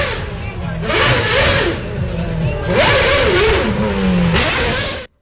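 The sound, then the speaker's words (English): A high-revving Formula One race car engine, the car of driver Patrick Friesacker, screams, its pitch climbing and dropping through repeated gear shifts with bursts of roaring exhaust, loud and continuous for about five seconds before cutting off abruptly. “And listen to what his car sounded like.”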